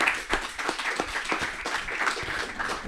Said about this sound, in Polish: Tak, brawa, brawa, brawa.